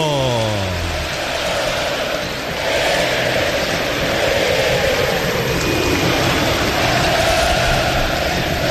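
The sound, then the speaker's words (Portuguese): A huge crowd of São Paulo FC (tricolor) football fans at the Morumbi stadium roars and cheers at the start of a São Paulo vs Santos match, a loud, continuous wall of noise, with a brief falling horn-like tone at the very start. “Clássico Sansão para a torcida que conduz fazer barulho. Ouça a torcida tricolor!”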